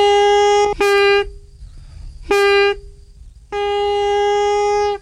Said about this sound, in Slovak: A z čoho to je? V kôre, z vrbovej kôre. To sa natočilo nožíkom, narezalo a potom sa obielilo a s tým sa nakrútila tá kôra. A na konci je? To je z bedzi. Pískor? Pískor. To je ako na gajdách, že? Ako na gajdách, to isté.